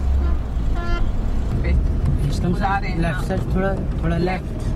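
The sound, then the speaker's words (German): A car's engine rumbles steadily throughout as a blind woman drives it slowly on an empty parking lot, with people talking excitedly over the continuous low drone. “Hier fährt sie Auto.”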